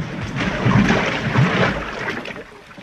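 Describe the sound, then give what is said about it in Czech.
A boat about 6 metres long and weighing at least a tonne is lowered into the water with a steady wash of splashing and sloshing, fairly loud, easing off slightly toward the end. No one speaks. “A teď ji spustíme na vodu.”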